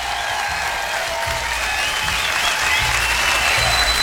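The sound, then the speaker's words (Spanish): A steady burst of applause on the live show Lado F de Frank, many hands clapping densely and loudly for about four seconds, swelling slightly toward the end with no talking over it. “hoy dejaron abierto el WhatsApp. ¡Aplauso!”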